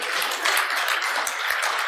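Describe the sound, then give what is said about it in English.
An audience claps steadily throughout during a pastor's sermon, a dense wash of many hands at an even, moderate loudness with no voices over it. “Yeah, clap on that.”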